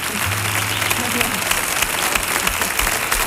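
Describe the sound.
Dense, steady applause from a large audience for a guitarist on the show of Comandante Lara fills the whole few seconds, loud and continuous, with faint voices mixed underneath the clapping.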